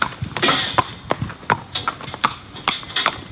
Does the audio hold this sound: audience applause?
no